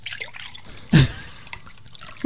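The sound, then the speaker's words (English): Liquid pours into glasses and drips with a wet splash, one fuller burst followed by a quick, smaller drip, over a faint background hiss. “The sound of pouring flare.”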